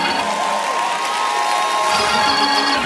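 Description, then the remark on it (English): An audience shouts and cheers in worship in a loud, sustained wash of overlapping voices, with crowd noise filling the space steadily throughout, swelling slightly toward the end. “Don't take all that hollering. Don't take all that shouting, my Lord.”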